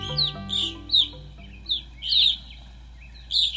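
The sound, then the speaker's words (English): Grosbeak calls: about seven short, sharp chirping notes arriving at irregular intervals, clear, with a low steady hum underneath and no talking. “The rose-breasted grosbeak and evening grosbeak take their names from their big, thick, seed-crunching beaks.”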